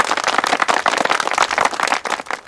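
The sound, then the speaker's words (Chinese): A group claps together in a dense, steady burst of overlapping sharp claps that stays fairly loud for a couple of seconds, with no voices over it, applauding to welcome a new member to a reconnaissance company squad. “鼓掌欢迎。”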